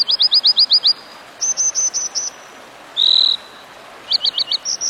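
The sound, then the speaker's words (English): An American dipper calls by a mountain stream in quick, high-pitched bursts of repeated chirps, broken by a brief buzzy note, with steady rushing background noise underneath and no voices. “So, if one day, as you muse by a mountain stream, you spot an American dipper bobbing and winking in your direction, don't take it personally.”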